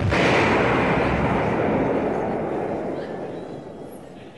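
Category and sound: sound effect, explosions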